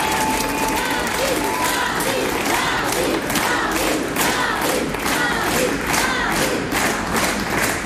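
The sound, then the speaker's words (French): An audience applauds steadily and loudly for about eight seconds at an ICI Nord radio afternoon event at the Louvre-Lens, a dense wash of many hands clapping with scattered voices and cheers rising through it. “Alors ce matin, on vous partage les souvenirs, on remet un peu d'émotion dans les oreilles et on replonge ensemble dans quelques moments de cet après-midi d'hier avec Marine, ici Nord, et ça commence toujours par des applaudissements.”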